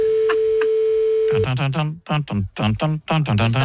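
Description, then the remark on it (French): A steady, continuous telephone ringing tone hums for about a second and a half during a phone call to a man in France, then cuts off as someone starts talking. “on sent qu'il a commencé le long déplacement entre le fauteuil et le téléphone.”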